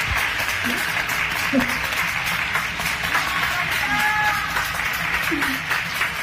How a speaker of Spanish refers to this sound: que cuidó de la salud mental de tantas y tantas personas, el aplauso, aquel de 2020, se repite hoy aquí para ti.